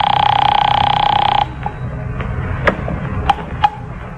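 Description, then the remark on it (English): A telephone rings with one steady, buzzy electric burst lasting over a second, then stops. Faint handling noise and a few sharp clicks follow, like a receiver being lifted. “It's ringing.”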